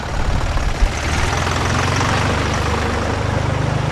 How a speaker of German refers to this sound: Die reagieren schon ein bisschen perplex im ersten Moment. So logisch, wenn ein Traktor in der Promenade gefahren kommt.